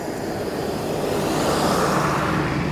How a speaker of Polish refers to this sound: Niech nas minie jeszcze autobus.